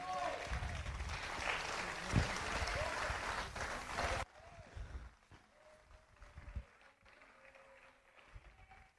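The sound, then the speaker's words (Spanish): An audience claps loudly for Christ during a sermon in a dense, steady burst of applause for about four seconds, then it cuts off abruptly and a voice speaks over faint background noise. “Dale ese fuerte aplauso a Cristo, mi amado.”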